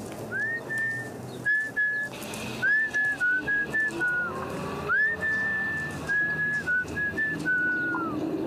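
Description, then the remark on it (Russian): A person whistles a wandering tune in clear, sustained notes with short pauses between phrases, fairly loud over a faint background hum, while walking out onto Arbat Square in Moscow with hands in pockets. No one speaks. “Я принимаюсь насвистывать и сую руки в карманы.”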